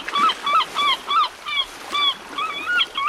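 Seagulls call over and over in quick, rhythmic bursts, clear, with a soft hiss of background noise underneath and no one talking.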